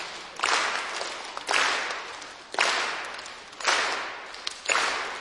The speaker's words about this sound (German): Und dann würde ich sagen, mach nur die Aufgabe, ihr klatscht auf der 1 und auf 3. Auf der 3. Genau, auf der 3.